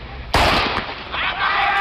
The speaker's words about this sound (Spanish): Ese atleta había empezado. Podemos decir que la carrera comienza con el disparo, pero el sonido tiene que llegar al oído. El cerebro tiene que procesarlo.